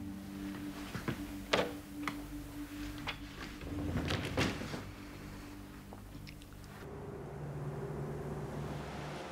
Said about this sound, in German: Entschuldigung, wären Sie so lieb, machen Sie die Tür zu.